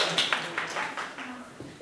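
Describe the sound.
During a lesson, students clap their hands for themselves and their classmates in a loose, uneven patter of sharp slaps across two seconds, fairly soft, with faint voices murmuring underneath.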